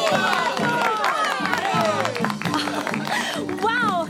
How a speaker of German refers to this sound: Völlig im Bann der magischen Zirkuswelt bestaunt das Publikum nun jede neue Darbietung. Und als endlich die Pferdeprinzessin auftritt, will der Jubel kein Ende nehmen.